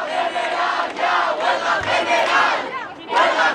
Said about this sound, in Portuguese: Os manifestantes gritaram palavras de ordem, sentaram-se no chão, pegaram nos telemóveis. Conhecido o primeiro veredito, levantaram-se e gritaram, em jeito de apelo, por uma greve geral.